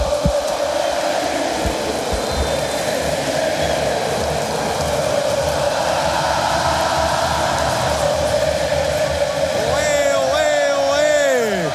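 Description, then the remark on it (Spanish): A dense, steady roar of Argentine football fans chanting in a stadium during Argentina's match against Switzerland, with Argentina leading 3-1, fills the whole stretch, with sustained massed voices and a swelling, rising sung phrase breaking through near the end. “gritan los argentinos.”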